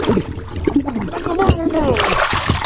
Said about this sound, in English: I can't get my head out of the water. Oh, boy. There, the fishbowl. The fishbowl. Excuse me, fish. Out of the way. Out of the way.